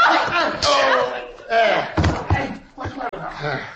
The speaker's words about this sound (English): Guess that'll hold him. Gosh, it took three of us to knock him cold.